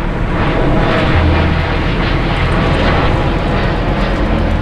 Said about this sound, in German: Das soll weniger werden hier. Weniger Flugzeuge, die über den Ort fliegen, so sehen es neue Pläne von Fraport und Deutscher Flugsicherung vor.